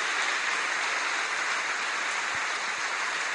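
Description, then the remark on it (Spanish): An audience applauds the Lord in a dense, steady wash of clapping that holds at an even loudness for the full few seconds, with no voices rising above it. “Démele un aplauso al Señor por lo que Él está haciendo y va a seguir haciendo.”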